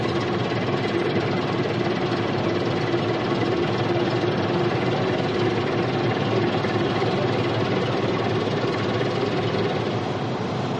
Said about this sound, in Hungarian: Már közeledik a vontató, hogy elvigye.